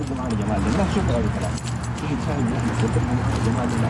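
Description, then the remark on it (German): A bunch of keys jingles and clinks steadily at a man's waistband as he walks across the grounds of the National Museum in Khartoum on the bank of the Blue Nile, partly buried under a continuous voice talking over it. “Wenn er über das weitläufige Gelände am Ufer des Blauen Nils läuft, klimpert es an seinem Hosenbund.”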